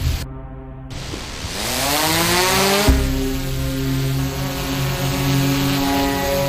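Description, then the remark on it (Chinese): A police drone takes off at night by the Yangtze River, its propellers spinning up and rising in pitch over a couple of seconds, then holding a loud, steady whining buzz, with no talking. “报告，目前无人机高度200米，画面聚焦9.8倍。”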